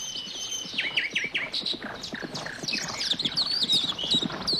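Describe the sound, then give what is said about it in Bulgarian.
Wild horses gallop past in a rapid, uneven flurry of hoofbeats on the ground, while birds chirp and trill brightly over the top throughout. “Отдавна искам да си уловя един див кон.”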